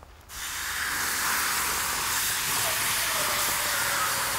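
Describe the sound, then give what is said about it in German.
A loud, steady hiss of steam bursts up almost at once and holds for several seconds as hot stones, heated in a fire, are dropped into water, which starts to boil. “Das heißt, das Wasser fängt jetzt an zu kochen.”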